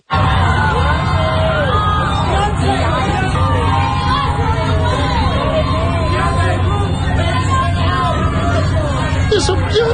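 Photographers on the red carpet at the Met Gala shout and call out over one another as Beyoncé arrives, trying to attract attention, in a loud, dense, continuous clamor, with a low rumble of traffic underneath.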